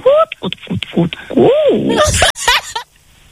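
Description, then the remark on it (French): A person imitates a hen clucking, with a quick run of short pitched squawks swelling into a drawn-out, wavering cackle before ending in a few breathy bursts. “Écoute, la poule.”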